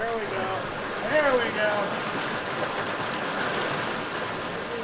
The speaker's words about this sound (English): It's a few days after the celebration, and tribal members gather at Ferry Creek in Bandon. Tribal fisheries workers wade into the creek and stretch a seine net across the water, pushing hundreds of finger-sized smolts downstream.